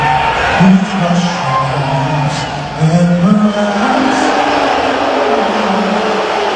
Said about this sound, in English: There were loud boos from the crowd when he was shown on the Jumbotron during the anthem at Madison Square Garden.